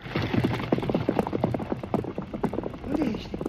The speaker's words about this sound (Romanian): Ai dreptate, pe cai, gata, galop!